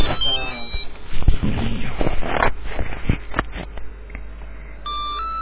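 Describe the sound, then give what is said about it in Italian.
A telephone ringtone of an incoming call sounds in bright, steady electronic tones at the start and again at the end, with a burst of clattering, noisy activity in between, fairly loud. “Abbiamo una telefonata.”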